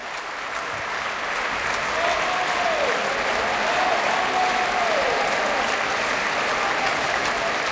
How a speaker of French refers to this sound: Et de beaux applaudissements encore pour le ténor Penepati qui faisait une courte, brève, mais très belle apparition dans ce requiem, dans le Sanctus tout à l'heure.